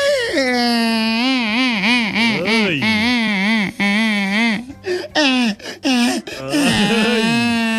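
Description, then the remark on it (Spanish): A voice imitates a stork crying on top of a property under construction: loud, drawn-out wailing sobs with wavering, sliding pitch, broken by a few short gasping catches before one final long wail. “Hablando a llorar, estaba llorando la cigüeña, paisanos, estaba llorando ahí arriba de una finca donde estaban construyendo los paisanos.”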